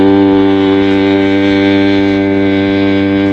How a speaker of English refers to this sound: Break me off with that boat horn one more time.